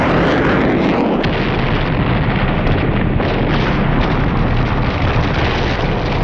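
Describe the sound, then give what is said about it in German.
A huge explosion from a plane crashing into a field beside a road roars continuously, a dense, loud rumble with crackling debris-like texture that barely lets up, one sharper bang standing out early on. “Er sieht den Wagen von der Straße in ein angrenzendes Feld, als es einen lauten Knall und eine gewaltige Explosion gibt.”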